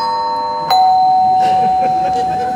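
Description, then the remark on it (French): An electronic doorbell rings, holding a steady tone that steps down to a second, lower sustained note partway through, with faint murmuring voices underneath. “Bon, attends, je vais ouvrir, je vais m'éclairer, elle doit être sous la douche, elle doit pas entendre, je pense.”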